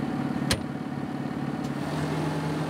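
A tractor engine runs at a steady idle, a low, even rumble with a faint pulsing throb. A sharp click cuts in early, and a softer one comes later. No one speaks.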